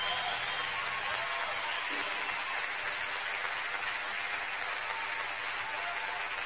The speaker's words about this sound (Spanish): Un aplauso para ver más fuerte.